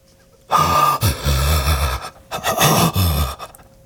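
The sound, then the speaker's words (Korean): Two long, strained gasping breaths, loud, each a slow drawn-out inhale or exhale with a raspy, voiced edge, separated by a short pause, as a person struggles to breathe slowly in and out. “천천히 들이쉬었다가 내쉬었다가. 숨이 조금씩 기도로 들어와 폐부로 이동한다.”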